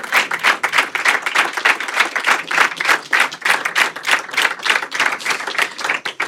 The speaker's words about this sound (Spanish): Pues se produjo el aplauso hasta que pidió por favor que cesara para decir a continuación esto que vais a oír.